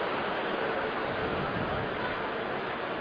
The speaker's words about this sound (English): And the groan from the crowd here in Pittsburgh.